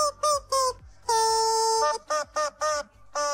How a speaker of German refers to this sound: Das Huhn ist ein Hundespielzeug, das quietscht, wenn es ins Maul genommen wird. Bei uns wird es in die Hand genommen. Wir quietschen damit nämlich Hits aus dem besten Mix. Heute diesen hier.